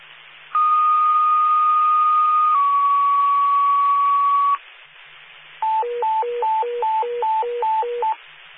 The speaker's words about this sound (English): Attention members of the Red Bank Fire Department. This is a test of the Red Bank Fire Department's radio alarm system.